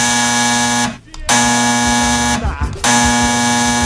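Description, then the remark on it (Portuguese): A telephone rings with a loud, harsh buzzing tone, sounding in three long bursts of steady pitch separated by brief gaps, with no voices. “Telefone tocando.”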